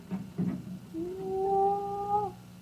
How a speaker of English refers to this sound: Here comes the Baron now. He's opening the dungeon door.